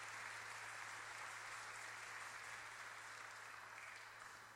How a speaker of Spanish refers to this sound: Hermanos y hermanas, a los cumpleañeros y cumpleañeras les damos un fuerte aplauso. Felicidades en el día de su santo.